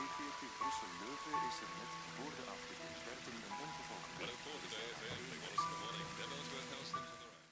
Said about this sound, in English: It's night. It's raining.